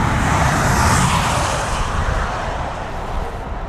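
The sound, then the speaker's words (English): A loud, steady roar of car engines as a group of cars is sent onto a test track, holding for a few seconds before easing off slightly, with no one talking over it. “Right now, we're going to send the group B onto the track.”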